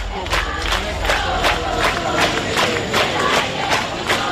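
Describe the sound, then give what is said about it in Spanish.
A loud crowd of hundreds of protesters, on their third day camping for the right to housing, fills Puerta del Sol in Madrid, where more than 350 tents occupy the square. Many voices chant together in a steady rhythmic pulse of repeated shouts over a continuous roar of voices. “Así se escucha hoy la Puerta del Sol en Madrid. Allí centenares de personas afrontan su tercera jornada de acampada por el derecho a la vivienda.”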